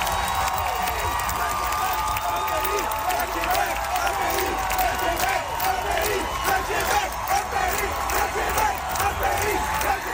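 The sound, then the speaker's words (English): A large concert crowd roars with applause and cheering as a song ends, while some people shout a rhythmic chant together, "Le Québec, un pays" (Quebec is a country), after a Quebec flag is raised on stage. Loud and continuous dense crowd noise. “as the song ended and the applause swelled, some people in the crowd began to shout.”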